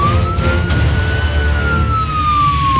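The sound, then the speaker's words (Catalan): A loud police siren sound effect wails in one slow rising and falling sweep over a low engine-like rumble, with no voices present. “Bon dia. Soc la policia de l'ortografia.”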